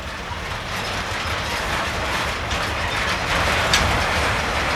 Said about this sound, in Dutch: Ik denk dat dit inderdaad de achterkant van de trein is. Want meestal zit er één locomotief aan de achterkant. Ja, hier, een duwer.